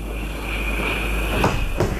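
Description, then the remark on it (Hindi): The sliding door of a train coupé compartment in India slides and knocks twice near the end, two short clacks against a steady rumbling hum of the moving train, with a faint whine running underneath; it is dark with drizzle outside as the train nears a small station. “दरवाजा खुला रहने दो। क्यों? मेरी इच्छा। कूपे में एक की इच्छा नहीं चलती।”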